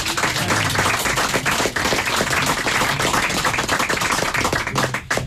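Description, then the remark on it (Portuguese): An audience bursts into loud, sustained applause for a Portuguese guitar player after a fado performance on Rádio Amália, dense overlapping hand claps holding steady for several seconds with no voices standing out. “À guitarra portuguesa, um fortíssimo aplauso, caríssimas senhoras, caríssimos senhores, para ….”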